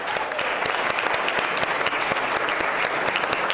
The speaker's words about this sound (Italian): Voi venite da una bellissima città, Trapani, dalla diocesi di Trapani, la Sicilia, la bella Sicilia. Beh, allora fate un applauso. Fate un applauso alla bella Sicilia. Trapani.